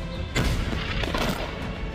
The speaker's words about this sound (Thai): เสียงระเบิดดังสนั่นและควันไฟพวยพุ่งขึ้นสู่ท้องฟ้าหลังจากอิสราเอลเดินหน้าโจมตีพื้นที่ในเมืองไทยอาคารเป้าหมายตั้งอยู่ใกล้ฐานของเฮซบอลเลาะห์